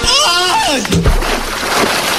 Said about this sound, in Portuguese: Depois disso, ele tibunga num açude com água gelada.